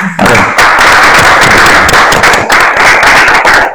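A loud, dense round of applause with rapid overlapping claps forming a steady crackling wash throughout, no voices over it.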